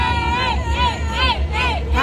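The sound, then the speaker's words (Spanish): A crowd cheers and shouts without pause as a female performer takes the stage, many voices yelling together in a loud, dense roar with rising and falling whoops throughout. “Y el público estalla, grita.”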